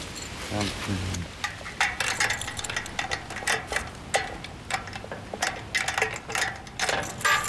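The oldest of the keys rattles and turns in the lock of an old gate as it is locked, giving a series of irregular metallic clicks, clacks and scrapes. A brief voice sounds near the start.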